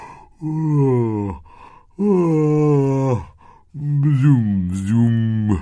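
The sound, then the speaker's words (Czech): A voice gives three long, drawn-out yawning sounds, each about a second, fairly loud, with pitch sliding and wavering, separated by short pauses, as a small creature woken inside a foxglove flower yawns widely. “Z květu se vybatolil medák a zíval na celé kolo.”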